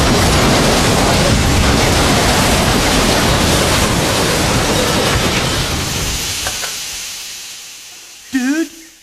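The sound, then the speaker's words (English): A train collision crash as another train on the same track hits it: a loud, sustained roar of harsh noise for several seconds that gradually dies away, then a short wavering vocal sound near the end. “Dude, there's another train on this track. Buddy, it's coming at us.”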